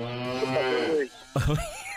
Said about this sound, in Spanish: Oye, vaquita. Vaca.